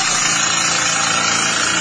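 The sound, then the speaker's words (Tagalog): A 150cc motorcycle engine runs steadily, a loud continuous rumble with a fast, rough vibrating rhythm and hissy mechanical noise throughout, with no voices. “Mura nag motor di ay nga kuan ka sa mga nito ra in max niya. Tara andar na.”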